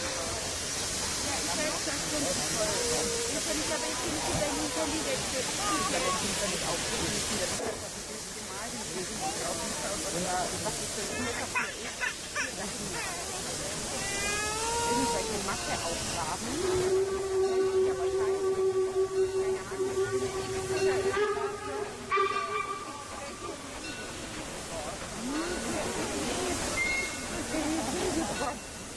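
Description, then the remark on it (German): Steam locomotive 52 8079, standing at the entrance of a roundhouse site, hisses loudly and continuously, a broad rushing noise, with people talking beneath it and a steady whistle-like tone sounding about two-thirds of the way through. “Wir haben an der Einfahrt noch eine weitere Dampflokomotive stehen, die 528079.”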